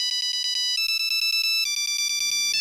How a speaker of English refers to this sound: What is this on the ancient technology of a Nokia polyphonic ringtone?